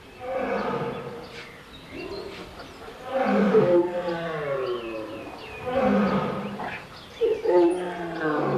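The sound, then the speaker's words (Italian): Caged lions and tigers at a zoo roar and growl loudly in long, overlapping calls that rise and fall, continuing without a break across the whole stretch, played from video on small monitors in a large exhibition hall. “dall'altra parte leoni in piccoli monitor, leoni ripresi in gabbie, leoni tigri. E l'unico suono che si sentiva umano era quello dello zoo.”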